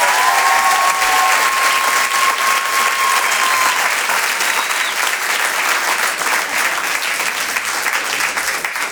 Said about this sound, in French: Rire et Chansons Comedy Club. Je vous demande maintenant de faire un tonnerre d'applaudissements à Amel Chabi.